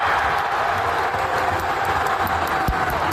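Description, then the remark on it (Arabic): A dense, steady roar of a large crowd celebrating in the streets of Rabat, Morocco, after the final whistle of a Moroccan national football team (Atlas Lions) match, with clapping, cheering and shouting blended into a continuous loud wash and a brief thump near the end. “وفور إعلان صافرة النهاية للمباراة تحولت الشوارع إلى ملتقى لجماهير غفيرة من مختلف الأعمار للاحتفال بهذا الإنجاز الجديد لأسود الأطلس”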